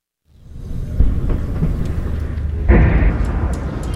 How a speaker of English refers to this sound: We've just arrived at the hospital here in Abati, and we've just heard two loud explosions in the distance. third one. I can see a huge plume of dense, thick smoke billowing from a location not far from here, just behind the hills.